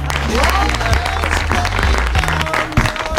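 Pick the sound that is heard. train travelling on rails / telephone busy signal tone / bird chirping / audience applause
audience applause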